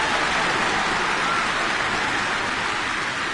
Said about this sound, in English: No, they're not applauding for me.